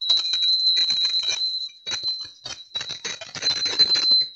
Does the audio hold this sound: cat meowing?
no